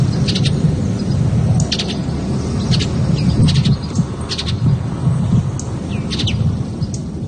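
Mountain bluebird (merle bleu azuré) song, a bird of the Alberta prairies: short, high chirping notes repeat irregularly over several seconds, fairly faint against a loud, steady low rumble like wind.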